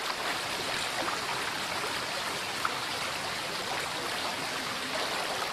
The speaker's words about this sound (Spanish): El agua, que invade todos los rincones del parque y que se nos presenta en todas sus expresiones, despeñándose por espectaculares cascadas, desparramándose en multitud de brazos por los llanos, en los innumerables torrentes